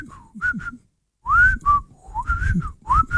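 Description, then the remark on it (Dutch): A person whistles a short, bird-like tune, with quick rising and falling chirps in several bursts separated by a brief pause, imitating birdsong. “Maar de meeste vogels fluiten natuurlijk. Kun jij een beetje fluiten? Zal ik het eens proberen?”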